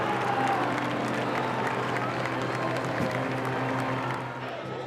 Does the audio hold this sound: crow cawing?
no